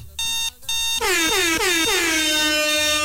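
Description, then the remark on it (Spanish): Two short, steady blasts of a harsh, many-toned horn, then a long, loud air-horn blare that sweeps up and down in pitch in repeated swoops, played at 6:11 a.m. as a jarring wake-up alarm for drivers of Transportes Chavarría units 32 and 53 and Transportes Villalobos unit 106. “Ponles la alarma para que se despierten, por supuesto, por su pollo.”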